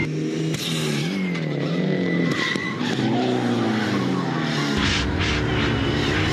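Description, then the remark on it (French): A rally car's engine drones in shifting harmonic tones while the tires skid and squeal steadily as the handbrake locks the rear wheels, loud and continuous throughout, with no voices. “C'est le frein à main, c'est ce qui permet aux pilotes de rallye de bloquer les roues arrière.”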